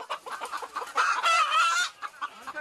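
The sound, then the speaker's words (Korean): Guifei chickens, a small-bodied breed with a distinctive look, cluck in a steady, busy chorus on a farm that raises about 2,000 of them, with a louder burst of overlapping squawks in the middle before the clucking settles again. No one speaks. “작은 체구에 독특한 외모를 가진 귀비닭입니다.”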